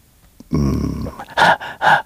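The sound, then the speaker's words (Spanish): Heavy, labored breathing: a low strained groan followed by two loud, rasping breaths in quick succession, with no talking. Running footsteps are not clearly audible. Audio from a UFO-themed video released by the White House. “Así una respiración fuerte y alguien corriendo.”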